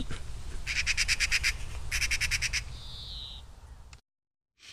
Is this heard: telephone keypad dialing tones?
no